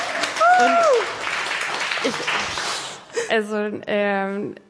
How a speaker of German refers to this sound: Ich arbeite im Schlaflabor im St. Hedwig Krankenhaus und ein Applaus für unsere Wissenschaftlerin!